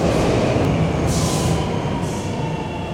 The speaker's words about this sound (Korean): 지금 서울 2호선, 2호선 열차가 들어오고 있습니다.